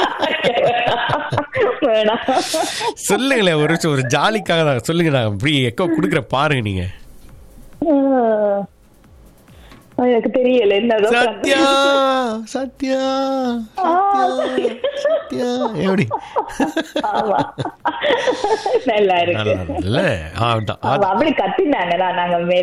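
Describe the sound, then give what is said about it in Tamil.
A voice shouts out and another voice answers by mimicking a mountain echo, repeating the call in loud, drawn-out, pitched bursts with a short pause partway through and some laughter mixed in. “நான் தான் மலை, இப்ப எப்படி எக்கோ கொடுக்குறேன்னு பாருங்க, கத்துங்க.”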